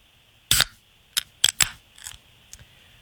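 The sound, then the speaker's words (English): A second can of beer, a Keystone Light, cracks open with a sharp snap, followed by a few quick metallic clicks and a thin, steady fizzing hiss, then softer taps as it trails off. No one speaks. “This is can number two. Raven, Suds or soda?”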